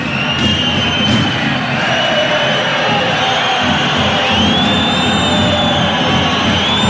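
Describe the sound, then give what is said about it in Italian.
A large crowd at a basketball game involving Verona whistles in protest at coach Caia, shrill sustained whistles rising and sliding over a loud, steady roar of voices that continues throughout without a break. “i fischi per Caia, quello che sentite c'è un richiamo ufficiale per coach Caia”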